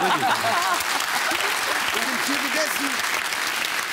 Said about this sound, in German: Applaus bitte.